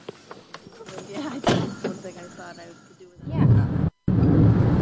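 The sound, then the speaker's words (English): A car door shuts with one solid thunk as people get in the car to leave, while voices murmur in the background, then a loud, low rumbling noise swells up and briefly cuts out. “We're going, getting in the car, getting ready to leave.”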